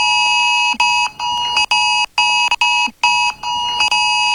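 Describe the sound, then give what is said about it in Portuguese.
A loud, harsh cell phone extreme-alert tone blares in rapid pulsing bursts with brief gaps, a stacked buzzing chord repeating insistently for several seconds with no one speaking. “No último sábado, um ataque hacker foi responsável por enviar mensagens falsas de alerta extremo para mais de 30 milhões de celulares em 8 estados do país.”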